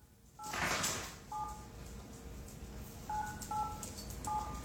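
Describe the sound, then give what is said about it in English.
A kid's toy phone in a farmhouse beeps out short electronic keypad tones in the middle of the night, about six quick dual-tone beeps in irregular bursts, with a brief rustle at the start and no talking. “there is something that is beeping. It sounds like a phone.”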